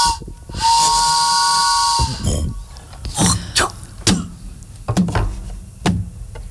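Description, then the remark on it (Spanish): A steam train arriving in the distance at Polvorosa City at first light of day gives one steady, piercing whistle blast over loud hissing steam, followed by several sharp, irregular bursts of steam venting and clanking as the train pulls in. “A lo lejos se escucha un tren llegar y un viejo forastero bajar de él.”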